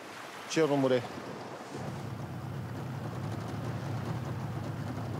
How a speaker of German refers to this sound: Nach 5 Minuten Bootsfahrt haben sie das heutige Fanggebiet erreicht.